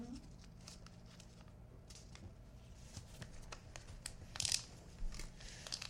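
Close-up wrapping paper crinkling and rustling as someone tries to wrap a book far too large for the sheet, which only covers its sides, with irregular crackles and sharper crisp bursts as the paper is folded and pressed, continuous throughout, recorded with the microphone right down by the book.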